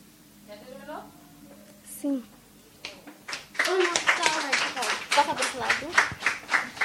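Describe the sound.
A few voices talk at first, then an audience bursts into sustained clapping that grows louder and denser toward the end, with some voices calling out over the applause.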